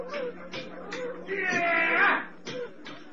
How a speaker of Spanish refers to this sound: Antes de dar un paso, ambos escuchan a lo lejos alarmantes rumores. ¡Los mastines! ¡Los perros bravos, Calimán! ¡Nos han descubierto!